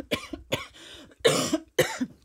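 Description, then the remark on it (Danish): Someone coughs four times in quick succession, harsh and raspy, from something suddenly caught in the throat while the microphone is on; the last two coughs are louder and more forceful than the first pair. “Uha, det er så irriterende, når man pludselig får noget i halsen.”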